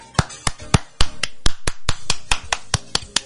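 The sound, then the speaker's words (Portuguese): A single presenter claps about fourteen times at a quick, steady pace for people celebrating birthdays. The sharp, bright smacks come roughly four per second, with no voices in between. “Não, eu mesmo dou um aplauso, ó.”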